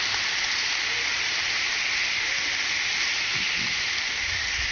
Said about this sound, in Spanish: Vamos a darle un fuerte aplauso al Padre, a nuestro compañero.